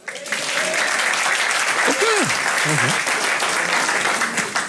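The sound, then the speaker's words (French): An audience in Liège, including parents and grandparents, applauds steadily, a dense wash of clapping that holds at an even loudness throughout, with a few brief voices calling out over it. “Mais j'imagine qu'il y en a qui me comprennent ce soir par applaudissement.”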